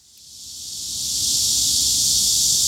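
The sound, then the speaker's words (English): A dense, high-pitched electric buzz of cicadas in the midday heat of a record heat wave in South Korea, reported from Seoul, swells steadily louder over a couple of seconds, then holds at a loud, continuous drone with no voices present. “A deafening crescendo of cicadas cuts through the midday heat.”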